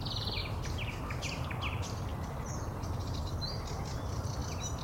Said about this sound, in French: Mais là, c'est pas de silence parce qu'on va les entendre, les oiseaux. Prenons un 5 secondes. 5 minutes, là, ça peut être long. Mais juste pour les écouter, écoutez ça.